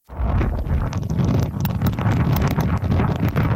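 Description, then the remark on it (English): Loud, roaring wind of Typhoon Nahal, battering the southeastern coast of China and parts of Hong Kong, buffets the microphone in a steady rumbling wash, with sharp gusty bursts and rattling, flapping noises cutting through; no voices are heard. “The weather system is bringing intense winds and torrential rain with it, upending trees, billboards, and disrupting traffic.”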